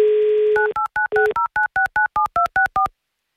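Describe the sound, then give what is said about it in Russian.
A steady telephone dial tone gives way to a quick, even run of about a dozen two-note touch-tone beeps as Avtoradio dials a number in Tomsk Oblast, then silence. No one speaks. “Звоним в Томскую область.”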